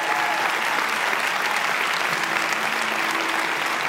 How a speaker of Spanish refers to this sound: Si vas a aplaudir, iglesia, hazlo con más ganas.